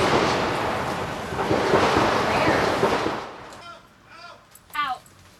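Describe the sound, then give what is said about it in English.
A loud, dense rattle of gunshots crackles continuously for about three seconds, heard as a news reporter was about to begin a report for the channel, then stops, and a person's voice speaks briefly in the quieter moments that follow. “was about to start a report for the channel when shots were heard.”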